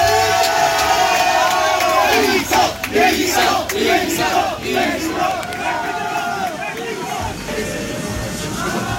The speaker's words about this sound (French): Moi j'étais vraiment du coup au milieu de cette marée humaine avec ces dizaines de supporters réunis à Barcelone pour chanter pour Del Toro